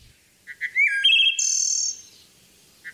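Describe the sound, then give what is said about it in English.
A male wood thrush sings to court females, a clear, flutelike phrase: soft introductory notes, then rising liquid tones and a shimmering trill, fairly loud, with a brief note repeating at the end. “A song can go a long way toward meeting that goal, and males like this wood thrush serenade females with gusto.”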